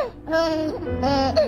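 A baby from Sulawesi, Indonesia, wavering between fussy crying and babbling in two short bursts with a brief break between them.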